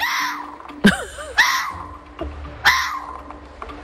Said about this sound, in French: Oh, c'est incroyable le bruit du renard. Ben oui, on ne connaît pas assez le cri du renard. Ah non, mais complètement. Mais c'était bel et bien le renard qui fait ce cri.